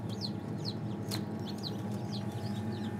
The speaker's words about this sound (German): Das Piepen, was man hört, von hier vorne, das ist das Ei.